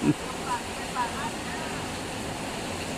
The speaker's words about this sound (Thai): เสียงนี่คือเสียงฝน แค่นี้ละแค่นี้ละจ้า ได้ยินอยู่พอได้ยินอยู่จะมาสิมีเสียงฝนแทรกเข้าไปเนาะ